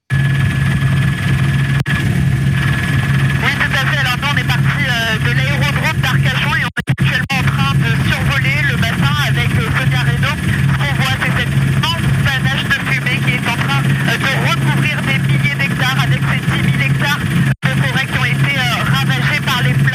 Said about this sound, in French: Et on voit ces images filmées depuis l'hélicoptère. On va y aller à bord de l'hélicoptère en tendant un petit peu l'oreille